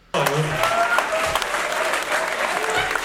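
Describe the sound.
An audience breaks into sudden, loud applause, a dense and steady wash of many hands clapping that holds for a few seconds, with faint voices mixed into the noise.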